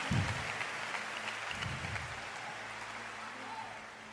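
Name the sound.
audience clapping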